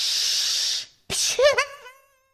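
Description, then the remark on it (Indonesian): A steady, breathy snake hiss lasts under a second, then a brief pause and a sharp burst with a rising, wavering vocal squeal that quickly fades to silence. “Ini ular.”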